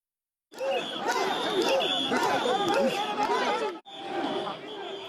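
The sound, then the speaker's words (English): A dense crowd at the Sanja Matsuri festival in Tokyo, gathered to see portable shrines known as mikoshi, roars with overlapping shouts and chanting voices, a continuous loud hubbub that breaks off briefly before resuming. “Crowds gather to see portable shrines known as mikoshi as part of Sanja Matsuri.”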